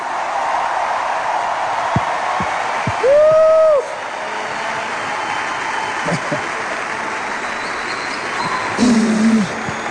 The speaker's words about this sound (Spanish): ¡Denles un aplauso a la primera banda!